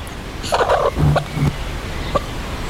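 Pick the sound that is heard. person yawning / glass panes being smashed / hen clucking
hen clucking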